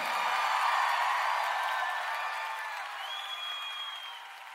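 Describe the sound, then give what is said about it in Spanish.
An audience applauds in praise of the Lord in a dense, steady wash of clapping, with scattered voices calling and whooping over it. The applause eases slightly toward the end. “Aplauda a su Señor.”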